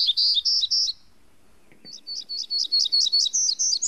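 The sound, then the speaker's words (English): A warbler sings a bright, buzzy song of rapid repeated high notes, pausing briefly before a longer, accelerating series; clear with no talking. “And, as sister species often do, they all put a unique twist on that bright, buzzy song.”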